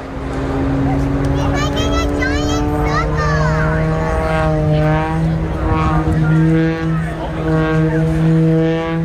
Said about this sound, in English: when the airplane is tumbling end over end, the propeller makes that very distinctive sound